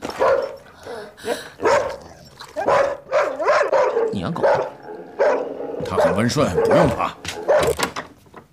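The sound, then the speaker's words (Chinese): A big dog named Mandela, kept in a doctor's temporary unit, barks several times in loud bursts, interspersed with whimpering yips, while people talk over and between the barks. “你养狗？它很温顺，不用怕。好了，蹲下，别吵，很棒。听起来是只大狗。”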